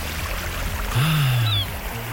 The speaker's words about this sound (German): Die Wellen. Und die Möwen